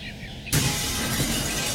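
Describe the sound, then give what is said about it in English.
A window suddenly shatters with a loud crash, a bright burst of breaking glass that fills the sound and then trails into a sustained, scattering tinkle of falling shards. “Call First Response Glass.”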